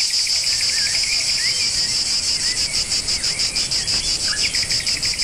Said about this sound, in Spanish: Bueno, pues es uno de los primeros que nos viene a la cabeza porque es un sonido muy intenso, muy eléctrico, y lo escuchamos en las horas de más calor. Espera un segundito, Carmen, que vamos a escuchar el sonido de la cigarra.